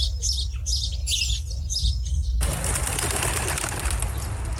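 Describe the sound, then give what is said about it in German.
A flock of birds over harvest fields near Bethlehem chirps in quick, overlapping bursts, then a sudden rushing whoosh of many wings flapping takes over, steady, with a low rumble beneath. “so viele Vögel.”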